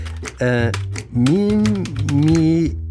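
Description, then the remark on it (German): Quick, irregular taps on a computer keyboard as someone types a query into a search engine, while a voice hums or vocalizes steadily over them without clear words. “Moment, hier die Tastatur. Tippe ich das mal ein.”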